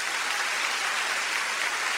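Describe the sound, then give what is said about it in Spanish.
An audience breaks into steady, dense applause during a sermon, answering the preacher's call for loud applause from those who have God. Many hands clap at once in a continuous crackling wash that holds an even loudness for the whole stretch, with no voices standing out. “Si tienen a Dios, un aplauso fuerte.”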